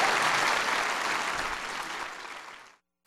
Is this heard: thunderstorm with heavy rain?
no